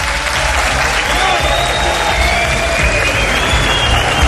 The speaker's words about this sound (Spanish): Programa especial desde una ciudad mágica, desde Teruel, y desde este flamante Teatro Marín, que se sienta el alma de esta tierra, con un aplauso de todos vosotros.